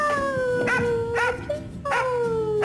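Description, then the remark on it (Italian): A dog, Joy, a policewoman's dog in a Polizia di Stato awareness spot against abandoning animals, howls in long, wavering, slowly falling tones, broken by a few short sharp barks between the howls. The sound is fairly loud, with no voices. “E per sensibilizzare sul tema, la Polizia di Stato ha lanciato uno spot: se non ti porto non parto, dove una poliziotta dialoga amorevolmente con il suo cane Joy.”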